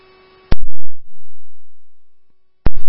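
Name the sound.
telephone busy signal tone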